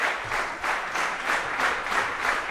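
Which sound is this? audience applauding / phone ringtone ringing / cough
audience applauding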